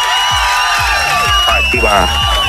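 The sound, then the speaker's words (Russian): A loud burst of crowd cheering and whooping on a radio morning show, celebrating a listener's correct quiz answer, with rising shouts overlapping densely and steadily throughout, likely with clapping mixed in beneath the voices. “Аплодисменты для тебя.”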